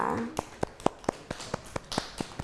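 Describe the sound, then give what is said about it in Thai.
A steady run of about ten crisp hand claps at a quick, even pace, moderately quiet, over a faint background murmur, clapping for a child during a children's lesson. “ปรบมือให้น้อง”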